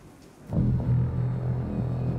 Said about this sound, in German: Wenn der Himmel sich verdunkelt, das Gewitter aufzieht und ein Tornado entsteht.